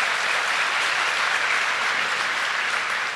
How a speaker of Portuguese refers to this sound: Quem está me entendendo pode aplaudir.